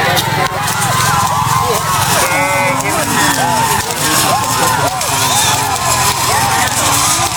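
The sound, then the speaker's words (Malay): A crowd of hundreds of spectators cheers, applauds and shouts loudly and continuously at a kerapan sapi bull race, with bulls running at full speed, their galloping hooves pounding beneath the dense wall of excited voices. “Ratusan penonton menyambut sapi-sapi yang berlari sekencang-kencangnya dengan tepuk tangan dan suara bersorak.”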